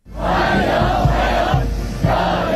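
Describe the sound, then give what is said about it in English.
A large crowd cheers and shouts steadily in unison, a loud, sustained roar of many voices with rhythmic surges, as if chanting together, continuous throughout. The crowd is at a formal welcome for Donald Trump in Beijing, China, waving US and Chinese flags. “Donald Trump has arrived to a formal welcome in Beijing, presented with flowers and crowds waving US and Chinese flags.”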